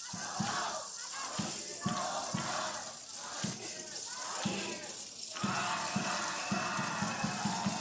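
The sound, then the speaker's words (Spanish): A crowd at Jardín Juárez in the municipality of Guadalupe shouts and cheers loudly in unison for the governor, with hand rattles (matracas) clattering throughout and rhythmic bursts of noise punctuating the roar. “A la cuenta de tres, esa porra con sus globos, mensajes, con sus matracas, con sus gorras.”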